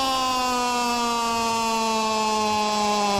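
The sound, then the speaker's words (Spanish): A loud, sustained buzzer sound effect signalling offside on a Croatia goal during football match commentary drones steadily for about three seconds, a harsh, harmonic-rich tone that holds an even pitch and volume throughout, with no voices. “Fuera de lugar, le sonó el offside, reloj. La chicharra.”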